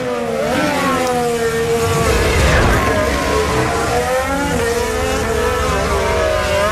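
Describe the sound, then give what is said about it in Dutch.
Formula 1 racing cars roar past, their high-pitched engine whines overlapping and rising and falling in pitch, loud and continuous throughout with no voices. “Valt mij dan nu ineens op dat we jarenlang hebben zitten zeuren over het geluid van Formule 1-auto's. En als je nu luistert, dat je denkt, oké, is best oké.”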